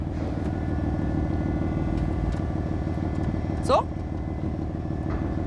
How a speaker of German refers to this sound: Es fängt beim Starten an. Schon dieser Kaltstart von dem Auto, das ist schon mal sehr, sehr geil. Das zaubert mir direkt immer ein Grinsen ins Gesicht. Dann der erste Gasstoß, wenn es dann losgeht, dann hörst du auch vorne die Ansaugung.